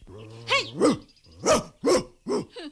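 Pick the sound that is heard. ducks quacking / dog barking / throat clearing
dog barking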